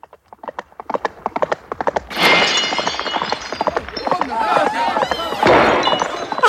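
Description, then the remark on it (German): Crockery set out at a corner of a market shatters into pieces with a loud crash as a drunken hussar comes racing through, followed by several seconds of clattering and a second burst of breaking, after a quick run of clip-clopping hooves. “Alles kaputt und in tausend Scherben zerbrochen.”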